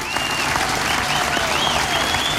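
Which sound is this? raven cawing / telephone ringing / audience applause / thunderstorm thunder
audience applause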